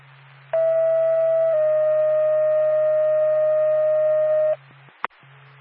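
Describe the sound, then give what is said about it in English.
A loud two-tone dispatch paging alert for the Norfolk and Lancaster ambulance service: one steady electronic tone for about a second, then a slightly lower tone held for three seconds, over a faint radio hum, ending with a click. “Norfolk and Lancaster Ambulance, stand by for tone.”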